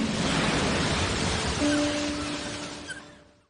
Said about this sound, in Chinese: 每年流入海洋的塑料垃圾高达千万吨，它们残忍地夺去了无数海洋生物的生命。保护海洋环境，保护大海的声音。